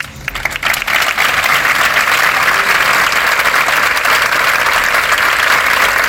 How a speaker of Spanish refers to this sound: Con este aplauso concluye esa concentración, a la que ha asistido, por cierto, el subdelegado del Gobierno en la provincia junto a otras autoridades.